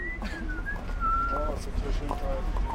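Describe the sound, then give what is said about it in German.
A young man on a street whistles the Star Wars melody slightly off-key, the wavering tune clear over a steady rumble of street noise. “Auf der Straße versucht ein junger Mann, die Star-Wars-Melodie zu pfeifen. Nur eben in schief.”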